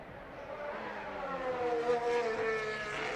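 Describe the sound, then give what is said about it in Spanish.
A Formula 1 car racing down the main straight and braking toward the chicane during the final laps: its high-pitched engine whine builds steadily and climbs in pitch as it passes, loud and continuous, with no voices over it. “Ahora tiene que venir el otro Mercedes y el otro Ferrari, porque han salido los 4 juntitos en primer lugar para estos últimos minutos.”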